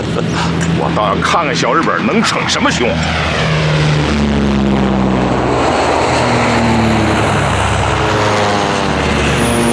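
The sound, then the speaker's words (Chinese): A Japanese propeller airplane roars loudly over troops halted at Qingyang, Anhui. Its droning engine tone holds steady, then slides lower as it sweeps overhead, with agitated voices shouting to take cover partly buried beneath the noise. “飞机来了，注意隐蔽！”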